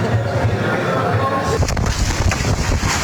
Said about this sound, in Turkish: Kuvvetli rüzgar kadının tutmaya çalıştığı tekneyi söktü, sonra daha da güçlendi.